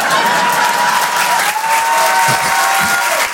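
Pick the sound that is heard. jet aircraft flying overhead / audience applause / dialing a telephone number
audience applause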